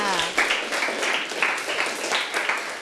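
class applauding a classmate

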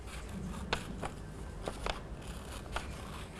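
scissors cutting paper

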